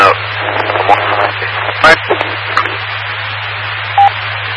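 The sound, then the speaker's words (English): Two radio transmissions collide on the same channel, muffled voices garbled together over a steady hum, with a few short bursts of static cutting through. “I believe somebody was doubling behind there, but I couldn't get any of that.”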